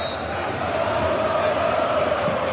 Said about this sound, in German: weil hier wird gejubelt im Jahnstadion. Über 4000 Cottbusser sind jetzt auf dem Rasen. Im Einklang gemeinsam mit dem Präsidenten jubeln sie und umarmen sich alle gemeinsam. Eine große Lausitzer Umarmung.